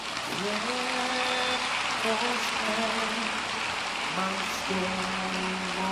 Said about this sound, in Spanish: ¿Le das aplausos a Dios?